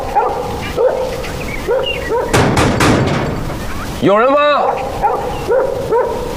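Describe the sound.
A dog, home alone in a house, barks sharply a few times, loud, then lets out a high, wavering whine, while a man's voice calls out before and after.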